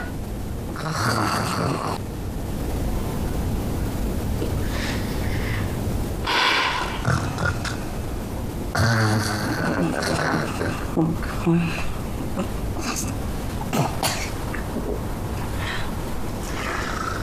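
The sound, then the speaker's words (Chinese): A woman's loud, rough snoring with repeated ragged snorts and grunting breaths, continuous over a busy, noisy background. “哎呀，你姐这呼噜打得比你爸还响”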